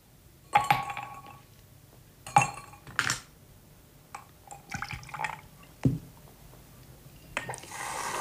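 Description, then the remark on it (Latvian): A drink being mixed, with two ice cubes clinking against a glass in a handful of sharp, irregular knocks, alongside faint pouring and liquid sounds. No one speaks. “Sajaukš mums kaut ko dzeramienu. Cik tev ledus gabaliņš šodien?”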